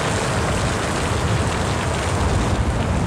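Steady, heavy rain pours down in a dense, even hiss with a fine patter of drops throughout. It stays loud and constant with no pauses and no voices.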